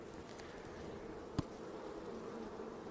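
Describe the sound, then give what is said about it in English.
A steady, dense hum of many honeybees buzzing on a hive frame where they are just starting to build out comb, continuous throughout, with one brief sharp tap or click partway through. “So they're just starting to build the comb out on this frame.”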